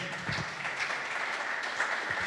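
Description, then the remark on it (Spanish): An audience gives a strong round of applause to Jesus Christ, a dense wash of many hands clapping together at an even, moderate loudness throughout, with no voices breaking through. “Cuando le damos un fuerte aplauso a Jesucristo.”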